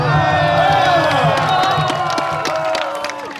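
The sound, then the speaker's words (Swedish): A loud crowd cheers at a modern gladiator show in an ancient amphitheatre arena in Pula, Croatia, applauding the winners, many voices shouting and whooping together over scattered claps, holding steady before easing slightly at the end. “We applause for the winners”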